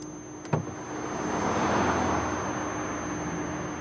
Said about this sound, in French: Sortir de la voiture face aux autres voitures qui filent.